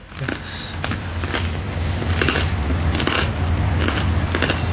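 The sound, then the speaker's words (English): Crunching of someone biting into and chewing crunchy bread, a steady series of crisp crackles over a low background hum, with no talking. “Wow, the bread is crunchy.”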